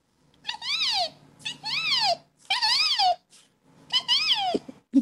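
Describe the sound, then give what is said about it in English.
A person imitates a resplendent quetzal's call with four loud, tonal, whistle-like cries, each swooping up then down in pitch, separated by short pauses, with no talking. “It's my favorite bird, the resplendent quetzal. And what sound does this one make?”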